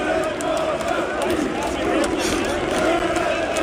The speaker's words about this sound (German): Und auch die Fans hatten ganz offensichtlich Spaß und haben gesungen. Na, was singen die da?